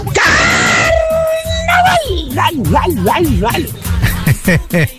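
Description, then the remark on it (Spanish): A man lets out a loud, sustained high-pitched yell imitating the yell of a singer from a music group, holding the note for nearly two seconds before it drops into animated, lilting talk. “vos que haces una copia buena, pues la de los del grupo …. ¿Eh? El mismo gritito que se mandó nuestro pariente.”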